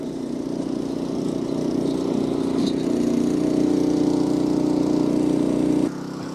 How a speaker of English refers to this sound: Single-cylinder engine, 0.16 litres, top speed, 3. I'm going to call it the James May.